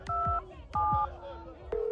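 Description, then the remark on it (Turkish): Two paired electronic tones sound in quick succession like telephone keypad beeps as a call is dialed to a hospital, followed by the start of a steady ringing tone that goes unanswered, with muffled low thumps and faint background noise beneath. “Hadi be kardeşim, aç şu telefonu.”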